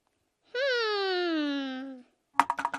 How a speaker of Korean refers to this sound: 어? 이 소리는? A dice! A dice! 그래, 맞아. 누군가 주사위를 던지는 소리 같은데?